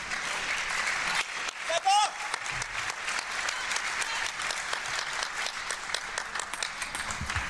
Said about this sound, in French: Il recolle à 8 partout, applaudi par son entraîneur.